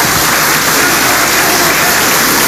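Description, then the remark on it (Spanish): Sustained, dense applause fills the chamber of Peru's Congress of the Republic for President Keiko Fujimori as she prepares to give her message to Congress, a steady loud wash of many hands clapping at once with no pauses and no voices standing out. “Pese a ello, los aplausos continúan para la presidenta Keiko Fujimori, quien se presta a dar el mensaje al Congreso de la República.”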